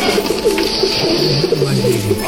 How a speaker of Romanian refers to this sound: Eu, dar cum văd, aveți și porumbei? Poate că avem și porumbei. Ei își au cuiburile sub strașilor. Le place să stea cât mai sus, sigur, sigur. Nu sunt însă porumbei obișnuiți.